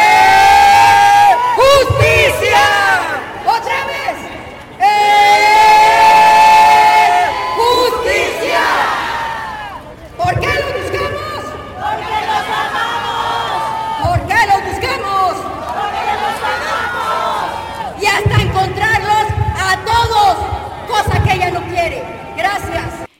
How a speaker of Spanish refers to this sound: Y así le vamos a hacer un ejercicio, les voy a pedir que hagan un ejercicio. Van a levantar sus manos, como le hacen en los juegos de fútbol, y que gritan, ¡eh!